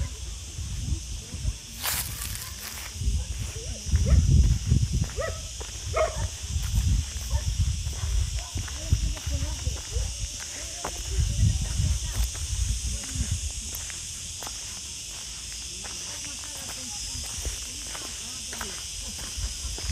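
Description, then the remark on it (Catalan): Wind blows outdoors in uneven gusts, rumbling low against the mobile phone microphone, on a hot August day in an olive field in Serrato, while a steady high insect buzz and scattered small clicks continue throughout. “En aquest so passen moltes coses. I s'escolta el vent.”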